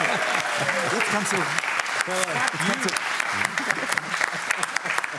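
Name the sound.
applause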